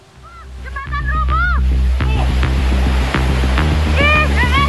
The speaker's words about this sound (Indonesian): Luapan arus sungai Cikaret menerjang badan jembatan beton hingga roboh di kawasan Cibalagung, Kelurahan Pasir Jaya, Kecamatan Bogor Barat, Kota Bogor, Jawa Barat, saat diguyur hujan deras pada Senin siang.